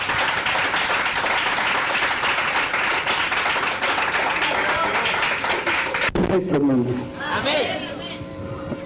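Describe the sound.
An audience claps for God in a loud, dense burst of applause for about six seconds, then it cuts off abruptly and a voice takes over.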